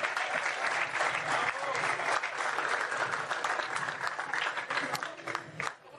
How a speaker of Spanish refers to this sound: El de la barra. Un aplauso para el secretario.